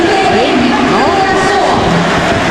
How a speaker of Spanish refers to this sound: Hay minuto de aplausos para Leo Messi. Llegan todos los jugadores de Benín a abrazar a Leo Messi.